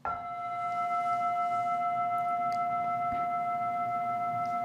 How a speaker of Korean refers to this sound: 이게 먼저 있잖아요. 근데 이걸 가지고 제가 이거라고 왜 이거라고 하겠어요? 이 종소리가 먼저 있죠 하면은 바로 종소리라는 말에 또 떨어지잖아요. 이 소리가 종소리 이렇게 언어로, 개념으로, 이름으로 와서 닿잖아요.